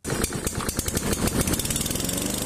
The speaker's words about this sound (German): Der Rasenmäher. Sein Einsatz sorgt stets für Lärm und unterschiedsloses Kürzen. Von Gras meistens.